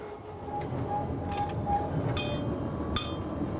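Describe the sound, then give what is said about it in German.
The Riffelalp tram, Europe's highest tram at 2,222 metres and a 675-metre line running only in summer, rumbles steadily along its rails, a low continuous roll broken by sharp metallic clinks and squeals of wheels on track, with no voices. “Die Riffelalp-Tram auf 2222 Meter Höhe, die höchste Straßenbahn Europas.”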